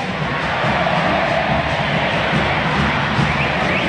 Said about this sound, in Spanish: Escuchen, esta es la banda sonora del sábado por la noche. Este es del público compatriota que grita por Argentina.